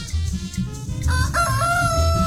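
A rooster crows loudly and close by, a single drawn-out cock-a-doodle-doo with a strained, rising call that carries to the end, over a low rumbling background.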